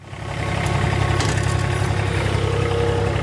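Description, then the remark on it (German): A ride-on lawn mower engine runs steadily with a low, throbbing drone and a faint rattling vibration, cutting the grass to 24 mm on the ATV Irdning football pitch among mountains in Styria, Austria, at 10:15 in sunshine. It fades in briefly, then holds constant, with no voices. “Auf dem Rasenmäher sitzt Gerald Wurzbach und bringt wenige Minuten vor Trainingsbeginn nochmal alle Halme auf die genau gewünschte Länge.”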